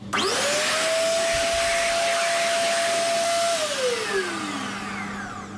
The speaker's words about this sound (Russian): Руки выше. Вот и сушилка.